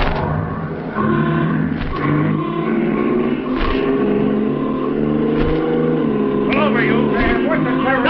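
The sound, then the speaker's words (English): A car engine roars steadily, its pitch climbing as it revs and speeds up, with a brief surge near the end and voices faintly mixed under the motor noise. “Give it the gun.”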